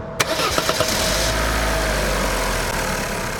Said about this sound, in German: Ich glaube, der Zündverteiler hat sich verstellt. Probier jetzt noch mal, den Wagen anzulassen.